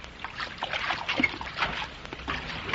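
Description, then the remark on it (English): Water sloshes and splashes in irregular bursts, a moderate churning with no voices, as Captain Bradford slips off into the water and holds two bottles of universal solvent against the side of an island. “The Euclideans threaten to attack them, and Captain Bradford slips off into the water, where he's holding the two bottles containing his universal solvent against the side of the island.”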